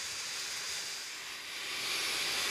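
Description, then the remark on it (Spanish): A vacuum sampler sucks up a cubic metre of meadow vegetation to find which insects, and how many of each species, live in different sections of the meadow, with a steady, loud, airy hiss, a continuous rushing whoosh that swells slightly toward the end, with no voices. “Incluso usan una aspiradora.”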